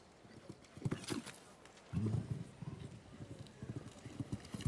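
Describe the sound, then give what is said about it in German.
Rhythmic hoofbeats of a horse galloping over soft ground during a show-jumping jump-off, repeating thuds in quick succession, with a snort or heavy breath near the middle. “Und das Pferd hier macht sich fast 5 Meter lang in der Galoppade.”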